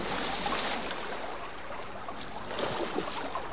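Water splashes and churns close by, a steady rush of sloshing broken by a few sharper splashes near the end, with no voices.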